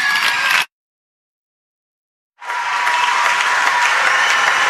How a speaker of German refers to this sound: Und nun ein letzter, riesengroßer Applaus. Danke und eine gute Nacht.